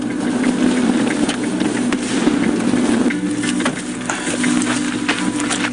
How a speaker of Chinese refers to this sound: 什么声音？ 点上放炮呢。 为什么会放炮？ 那肯定是来点上来东西了。 什么东西呢？ 不是熊就是猞猁，咱赶紧去看一下。 好。 越来越密集的爆炸声